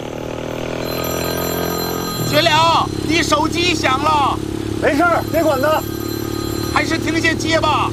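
A mobile phone ringtone sounds in repeated warbling, melodic bursts, fairly loud, over a steady low engine rumble that runs through the whole clip.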